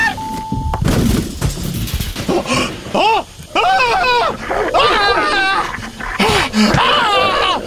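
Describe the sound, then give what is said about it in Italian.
Several dogs being untied whine and yelp excitedly, high rising-and-falling cries overlapping in quick succession with occasional sharp barks, loud and nearly continuous throughout. “Sì, scusate, solo un attimo che sleghiamo i cani.”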